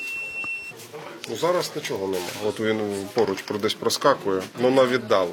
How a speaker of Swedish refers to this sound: Sjukvårdsstationen här har sin egen lilla drönarvarningscentral. Det blippar och piper från en skärm och det indikerar att drönare finns i området, men på ganska långt håll. Men plötsligt så kommer det närmare.